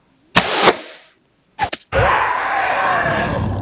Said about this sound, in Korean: 연희는 그 말을 주문처럼 외우며 다시 활을 들었다. 화살을 뽑으려고 하는 괴수를 향해 걸어가며 연희는 화살을 또 쏘았다.